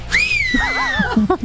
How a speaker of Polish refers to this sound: Gwizdy z Barcelony.